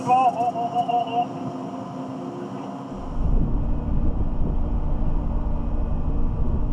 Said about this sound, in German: Ausgerechnet jetzt kommt die Fähre im Nachbarterminal an.